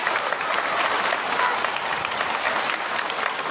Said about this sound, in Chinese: 感谢朋友们的掌声， 谢谢大家。